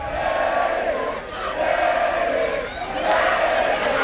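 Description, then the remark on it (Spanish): A large crowd in A Coruña cheers and shouts continuously as the team bus arrives, a loud, dense roar of many voices that swells slightly a few times without letting up. “Mira, están vitoreando.”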